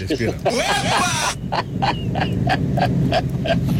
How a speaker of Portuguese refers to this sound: Ai, gente, gato.